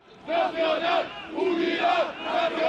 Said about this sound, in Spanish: En pleno siglo XXI en España se siguen realizando manifestaciones franquistas con simbología y gritos en favor del dictador.